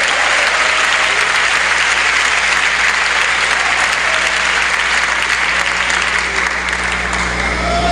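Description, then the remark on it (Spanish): An audience applauding God, a dense, steady wash of clapping from many hands that stays loud for the whole stretch with no one talking over it. “Denle un aplauso a Dios por ello, hermano.”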